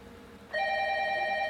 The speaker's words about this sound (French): Tiens, c'est à toi de répondre, non ? De quoi ? Tu peux répondre. Ah ouais, au téléphone.